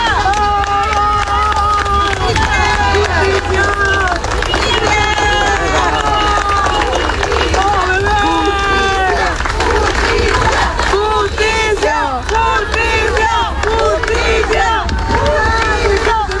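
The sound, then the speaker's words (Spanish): A large crowd at a funeral procession for a child shouts demands for justice and chants with overlapping voices, mixed with scattered applause. The noisy din stays loud and continuous throughout, with raised voices rising and falling in waves. “Entre aplausos, pañuelos blancos y gritos exigiendo justicia, los asistentes acompañaron el recorrido en memoria del menor.”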